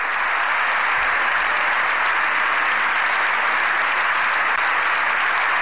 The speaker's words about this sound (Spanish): La han ovacionado mucho, más de 7 minutos de aplausos con todos en pie.